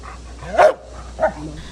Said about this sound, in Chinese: 7月18号上午10:40，重庆彭水山体崩塌灾害现场，一只黑色的拉布拉多搜救犬跃进满是巨石、砖块、钢筋的废墟，仔细搜寻后停在一处塌方体前吠叫示警，这意味着它发现了废墟之下可能存在生命迹象。